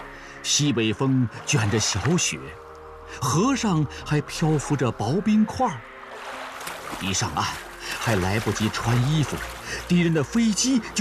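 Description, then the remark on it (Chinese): Splashing, sloshing water as people wade through a river in midwinter, carrying a grain cart across, heard under loud, overlapping shouted voices that call out in bursts across the whole scene. Light snow blows in a northwest wind and thin ice floats on the river. “大家都跟着下了水。”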